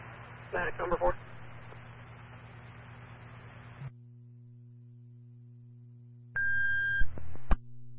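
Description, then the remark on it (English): Radio static hisses with a few crackling bursts, then drops to a low electrical hum. Near the end, a steady electronic dispatch paging tone, the third tone for Culver First Responders calling a response to number 407, Culver Road, sounds for about a second, ending with a sharp click. “City 2, Culver First Responders, your third tone.”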